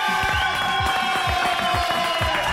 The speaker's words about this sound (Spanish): Bueno, ya, espero los aplausos ahora para el más importante, Jesucristo.